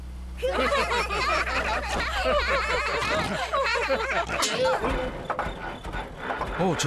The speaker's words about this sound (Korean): 자동차 소리가 아무래도 이상하군요.